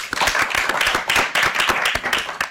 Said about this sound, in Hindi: आइए करते हैं आपका स्वागत तालियों के साथ।